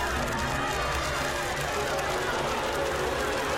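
A dense, droning buzz of a fly swarm fills the whole stretch, steady and loud with a thick low hum underneath, like countless insects hovering.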